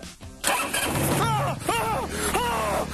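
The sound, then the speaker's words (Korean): A car engine cranks and catches after a push-button start, pressed while holding the brake, settling into a steady idle with a low continuous rumble and a few whirring tonal sweeps above it. “자, 시동은 브레이크 잡고 이걸 누르면 시동이 걸리는 거예요.”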